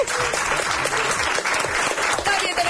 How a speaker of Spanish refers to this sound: Atención, un fuerte aplauso